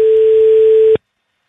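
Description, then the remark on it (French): A single steady ringback tone of an outgoing telephone call, the third ring, a clean mid-pitched beep lasting about a second at even loudness before cutting off abruptly into silence. No one speaks. “Et, ah oui, c'est bon, à la troisième sonnerie.”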